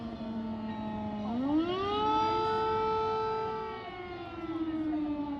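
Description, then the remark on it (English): An air raid siren in Kyiv, Ukraine, wails during the war, its pitch sweeping upward into a long, steady, loud tone that holds before slowly sliding lower, rich with layered harmonics and no voices. “So, we just heard an air alarm, which means that all the babies are being taken to the basement for safety.”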